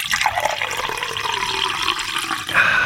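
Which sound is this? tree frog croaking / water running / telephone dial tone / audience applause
water running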